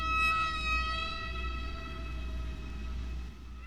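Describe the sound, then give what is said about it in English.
A long, steady whale song call, recorded by researchers, holds one tone with bright overtones above a low, rumbling wash, fairly loud and unbroken for several seconds, with no voices. “folded those whale songs into her own record”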